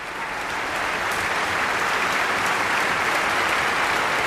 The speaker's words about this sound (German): Und im Saal ist heute auch Tönu Körwitz selbst. Er bekommt hier gerade seinen Applaus, ist mit auf die Bühne gekommen.